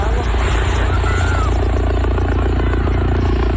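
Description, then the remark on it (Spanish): Civil Guard helicopters roar loudly over the beaches of San Roque and La Línea de la Concepción in Cádiz, Spain, as migrants arrive and bathers watch, the rotors chopping in a steady, continuous pulse that fills the whole stretch, with a faint murmur of background activity beneath. “treintena de migrantes magrebíes han llegado en las últimas horas a las playas de San Roque y la línea de la Concepción en Cádiz, bajo la mirada estupefacta de los bañistas, que han recogido así el movimiento de los helicópteros de la Guardia Civil.”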